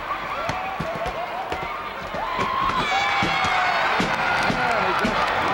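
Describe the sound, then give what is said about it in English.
A loud, steady crowd at a wrestling match roars with mixed cheers and boos as a wrestler comes in, whoops and shouts rising over the din, punctuated by sharp thuds and slaps from the ring. “Some cheering and some booing. That's usually the way you find a wrestling crowd.”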